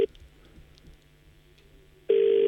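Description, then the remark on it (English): A steady electronic ringback tone sounds over a phone speaker while calling someone who does not answer, a loud burst at the start and another near the end, separated by a quiet stretch of faint line hiss. “Come on, bro. Answer your phone.”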